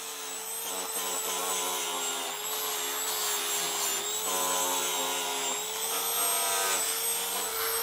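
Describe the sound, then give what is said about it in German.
An angle grinder runs continuously, grinding down an elephant's toenails with a loud, steady motorized whine whose pitch wavers slightly as it bites into the nail. No one speaks. “Ein paar Zehen noch, die geflext werden müssen.”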